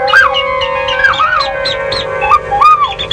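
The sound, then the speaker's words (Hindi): Several birds, mynah and koel among them, sing in a steady overlapping chorus of bright whistled and chirping notes, fairly loud, with no voices. The birds sing at a home every day, starting from 3:30 in the morning. “और ये जो पंछियों की आवाज़ें सुन रहे हैं ना आप, ये मेरे घर में रोज़ सुनती हूँ मैं। सुबह 3:30 बजे से शुरू हो जाती हैं पंछी बोलना, मैना, कोयल।”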